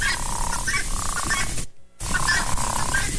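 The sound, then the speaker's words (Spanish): A dense chorus of frogs croaking continuously, with layered raspy calls overlapping in a steady rhythm, broken by a brief moment of near silence before the chorus resumes. “Que se oigan las ranas.”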